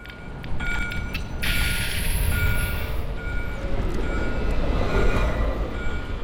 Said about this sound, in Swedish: Att fånga Göteborg i ljud är inte särskilt svårt. De blåvita spårvagnarna som skramlar och kränger i spåren